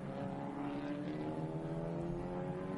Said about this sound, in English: This is outstanding racing by these two cars.